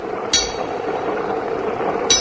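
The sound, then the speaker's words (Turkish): Two sharp hammer knocks, roughly two seconds apart, ringing briefly with a metallic edge over a steady hiss of falling rain. “Çekil seslerini duyuyor musun?”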